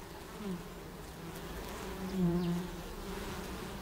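A steady drone of honeybees buzzing, a low humming hum that swells slightly in the middle and continues without pause; no voices.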